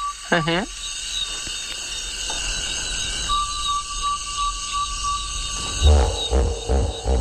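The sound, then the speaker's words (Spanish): Hippopotamus calls: one deep, resonant honk near the start, then a loud burst of low grunting honks toward the end, over a steady night chorus of insects. “Y no había visto hipopótamos, o sí, a mi manera, Madre de mía, oídas. eso es un trombón de varas.”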